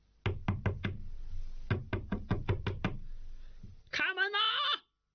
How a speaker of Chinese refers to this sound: 哪知大家正喝着呢，白吃白喝的人寻上门来了，他砰砰砰的敲门，边敲还边喊。